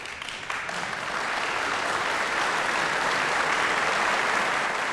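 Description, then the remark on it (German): A large Bremen audience applauds pianist Lise de la Salle in the Sendesaal Bremen after her performance of Liszt's B minor Sonata at the Radio Bremen piano festival: a dense, sustained wash of clapping that swells in the first second and then holds at an even, loud level throughout. “Hier kommt also jetzt noch der Beifall des Bremer Publikums.”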